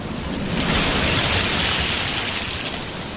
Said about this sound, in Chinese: 说把海螺放在耳边就能听到大海的声音，你听。